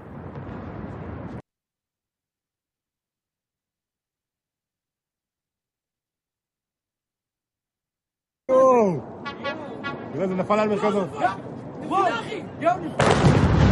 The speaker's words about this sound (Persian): آها، اینم مربوط به شلیک این موشک هست.